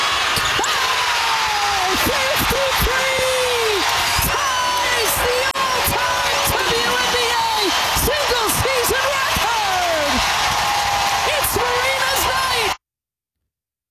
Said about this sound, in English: Also, that crowd was just, you could tell how much they were into it.